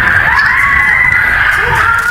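Loud, sustained high-pitched screaming holds steady for about two seconds over a rumbling wash of crowd commotion, with no clear words: panicked shoppers screaming and running away through a shopping mall after a reported robbery of a gold shop inside the mall.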